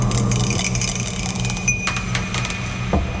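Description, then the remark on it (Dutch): A die, rolled to decide the day's pick, clatters and tumbles in a quick series of sharp little clicks and taps, with a final knock as it settles, over a steady low hum. “Maar ja goed, we hebben geen zeggenschap over de dobbelsteen natuurlijk. We gaan even kijken wat het wordt vandaag.”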